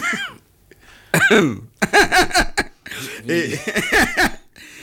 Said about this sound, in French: si vous continuez à tousser, je me tais, parce que il y a quand même un manque de respect assez. On vous dirait pas que c'est pas une toux irrespectueuse.